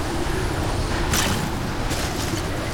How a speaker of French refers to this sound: Le vent hurle dans mes oreilles, mais j'entends quand même un bruit.